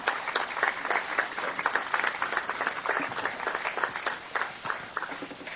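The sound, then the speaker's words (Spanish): Sustained audience applause, a dense wash of many hands clapping at a steady, fairly loud level for several seconds, with no speech over it, welcoming the honorable Julio Roldán Concepción, mayor of Aguadilla, Puerto Rico, to give his message. “Recibamos con un fuerte aplauso al honorable Julio Roldán Concepción para el mensaje de la ocasión.”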